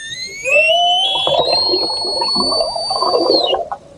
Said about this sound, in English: Get even louder. The sound of orca whales in the Strait of Gibraltar